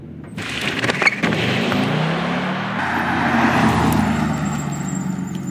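A yellow race car driven by an electric motor accelerates at speed on a professional test track, its steady roar of road and wind noise joined by a rising motor whine, with a high-pitched electric tone emerging near the end.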